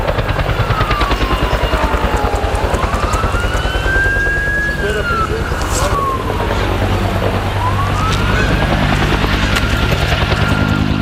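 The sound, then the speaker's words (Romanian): A firefighting helicopter thunders overhead, dropping water to put out a fire at a recycling site, its rotor chopping in a loud, steady rapid beat, while a siren wails and rises and falls somewhere beneath the noise. “Και ακόμη βλέπετε από τις 6 ώρα το πρωί συνέχεια ρίχνουν τα αεροπλάνα και τα ελικόπτερα για να σβήσουν τη φωτιά στην ανακύκλωση.”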